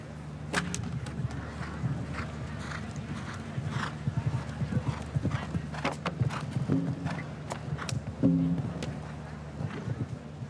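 Irregular hoof clip-clops from a horse moving over the ground as it slips slightly and steps into a ditch, with scattered sharp thuds and a steady low hum underneath; a faint whinny-like tone briefly rises near the end.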